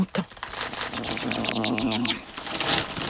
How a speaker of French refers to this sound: C'est l'heure des chips. Toudou plonge ses pattes dans le paquet de chips. Il croque une chips, deux chips, trois chips.